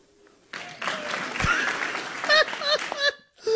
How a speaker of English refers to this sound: Actual applause!